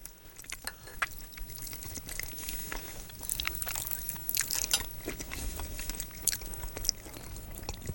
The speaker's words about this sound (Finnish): Tää on tää maiskutus, mitä ei saanut kuulua.